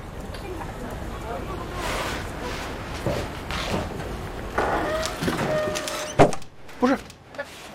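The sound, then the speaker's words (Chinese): A door swings shut with a single solid thud near the end, preceded by rustling, shuffling movement and indistinct voices. “不是，你关门干啥？”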